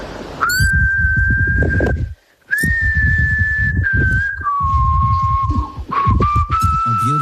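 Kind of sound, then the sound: human body sound, person whistling a tune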